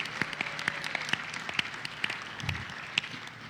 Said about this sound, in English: Why the clap was like that? One more time.